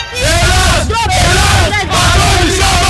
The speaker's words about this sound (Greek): Περνούν οι αστυνομικοί και χειροκροτάει ο κόσμος.